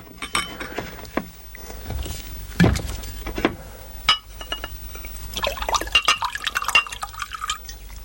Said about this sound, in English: There was a bottle of scotch and various other alcoholic beverages on the sideboard. I fumbled for a glass and filled it to the brim.